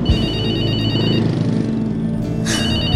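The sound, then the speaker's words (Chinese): A phone's electronic ringtone for an incoming call from an unknown number plays a bright, warbling repeated melody, cuts out briefly, then starts ringing again, heard fairly loud over a steady low background bed. “又是陌生号码，最近怎么那么多广告电话，烦不烦啊？”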